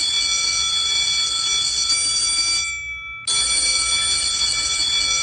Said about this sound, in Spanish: Ya no toque el timbre, profesora, ya no lo toque. Que ya ingresaron por acá.